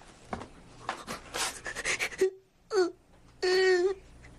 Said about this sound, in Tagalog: Umiiyak ka?